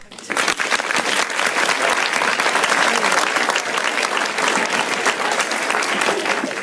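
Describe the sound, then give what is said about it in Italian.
Sustained applause from a large audience for actor Nino Manfredi, a dense, steady wash of clapping hands that swells quickly and holds at full strength throughout, with faint crowd murmur mixed in. “Questi applausi sono tutti per lui.”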